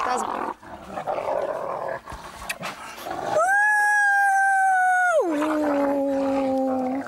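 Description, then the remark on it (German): Wolves growl and snarl in a rough, noisy tangle, then one breaks into a loud, sustained whining howl that drops in pitch and trails on to the end. “spricht die Sprache der Wölfe. Sie versteht auch, wenn die mal ganz finster knurren.”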